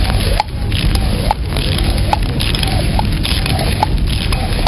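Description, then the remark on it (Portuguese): Fire crackles steadily over a dense, roaring rush of noise, with sharp pops and snaps breaking through at irregular intervals, during a fire extinguishing training session. No one speaks. “Agora aqui nós temos fogo.”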